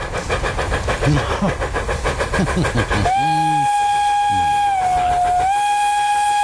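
A regional express train, heard in the distance, passes with a rhythmic rattling clatter, then sounds a long, loud, steady horn blast that briefly drops in pitch before holding its tone to the end.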